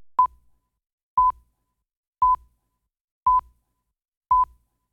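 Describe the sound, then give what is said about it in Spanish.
A phone notification alert beeps five times in a steady rhythm, each short mid-pitched tone about a second apart, clear with silence between and no voices, at 9:06. “me está hablando ahí en el teléfono y se escucha. 9:06, era un aviso.”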